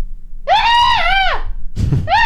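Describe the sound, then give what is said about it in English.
A person imitates an odd, half-gleeful scream: a long, shrill, wavering cry that sags at the end, a rough breathy gasp, then a second high cry beginning, loud. “Can you do the scream?”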